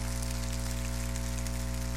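An audience gives applause to God after the four presentations of La Vía Dolorosa, clapping in a dense, continuous wash that holds steady for the full two seconds, with a low, constant hum running underneath and no voices.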